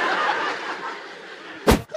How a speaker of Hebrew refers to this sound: לבריאות. רגע, יא אפצ'י, דלת, דלת! היה אפצ'י, רבותיי, אני שמעתי אפצ'י. אני שמעתי אפצ'י, לא יודע איפה זה בא, אבל...